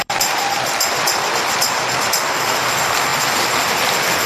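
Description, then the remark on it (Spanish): A church audience applauds the Lord for his word after a Bible reading, a dense, steady wash of clapping that holds evenly for a few seconds with no one speaking. “Démosle un aplauso al Señor por su palabra.”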